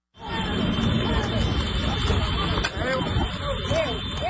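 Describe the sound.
Horse hooves clop on tarmac in Sicily amid a steady street din of engines and murmuring voices, with scooters beeping in short, high tones toward the end.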